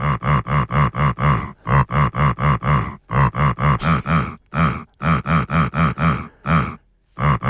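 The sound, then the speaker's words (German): Lissi grunts a recognizable song melody for a radio segment on HR4: loud, pitched, evenly rhythmic pig-like bursts grouped into phrases with brief pauses between them, and no talking. “Lissi hat für uns gegrunzt und HR4-Hörer Thomas Kreuzer aus Großheide in Ostfriesland, Respekt, hat das Lied bei Diane am Vormittag tatsächlich erkannt.”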